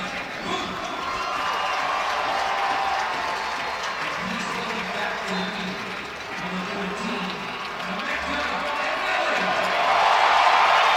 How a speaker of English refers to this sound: And Emeka Anelli announced and gets a big roar out of the crowd as they have missed him.